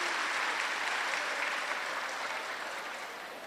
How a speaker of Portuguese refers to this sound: Então, uma forte salva de palmas mais uma vez para esse nosso atleta.